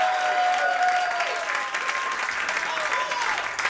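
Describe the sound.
Steady audience applause for a keyboardist fills the whole stretch, a dense, continuous patter of many hands clapping at an even, fairly loud level, with faint crowd voices and whistles mixed in.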